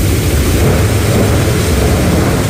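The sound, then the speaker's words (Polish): A dense, steady roar of heavy rain and strong wind in a nighttime thunderstorm with lightning in Silesia, Poland, loud, with a deep rumbling low end running throughout and no voices. “Ściana deszczu, silny wiatr i prawdziwa dyskoteka na niebie od błyskawic.”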